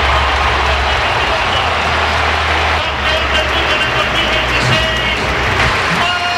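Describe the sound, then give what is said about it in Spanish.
A huge crowd at the Metropolitano stadium applauds Atlético de Madrid player Marc Pubill, number 18, as he comes out of the tunnel, in a dense, sustained wash of clapping and cheering that stays loud and steady throughout, with a low rumbling hum underneath. “Tremendo los aplausos que se lleva el chaval.”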